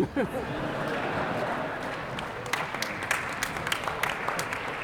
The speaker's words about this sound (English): You don't have to clap for that. There's nothing about that. There's nothing clappable about it.